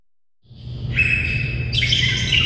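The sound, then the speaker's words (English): Many birds in the Vallum aviary chirp and tweet at once in a dense, continuous chorus. A steady low rumble sits underneath, and the chatter swells louder after a brief quiet start. “The cacophony of bird sounds in the Vallum aviary has added a new voice, a 4-year-old Bali Mina, a bright white Indonesian songbird with black wingtips and blue around the eyes.”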